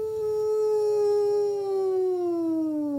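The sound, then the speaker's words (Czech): A wolf howls in one long, sustained, slightly falling tone with rich overtones, loud, lasting the whole moment with faint low rumble beneath. “Byl to ten vlk.”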